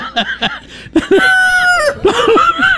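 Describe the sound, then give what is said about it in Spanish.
A rooster crows loudly, two long drawn-out cock-a-doodle-doos in quick succession, preceded by a few short clucks, with no one talking. “Oiga, ya le sonaron el gallo, ¿no?”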